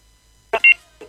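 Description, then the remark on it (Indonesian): An incoming WhatsApp call tone chirps loudly: a sharp burst followed by a quick pair of high electronic beeps, with another starting just as it ends. “Kita mau terima telepon di WhatsApp kita dulu nih.”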